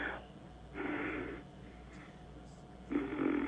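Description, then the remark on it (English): Heavy, noisy breaths sound right up against the microphone, two long rasping exhalations about two seconds apart with a quieter breath at the start, and no talking. “I love when you're just breathing there, and you're. It sounds like you're tooting.”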